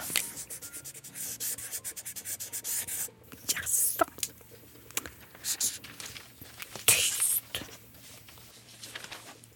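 A felt-tip pen squeaks and scratches across paper in quick strokes as snow is being drawn, with irregular bursts of drawing separated by brief pauses, including a sharper, louder swipe partway through.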